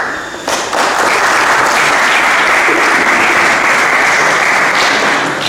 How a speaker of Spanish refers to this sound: En este punto vamos a escuchar ahora mismo la intervención del concejal de Economía, Desarrollo Local, Comercio y Empleo, don José Antonio Marín. Un aplauso.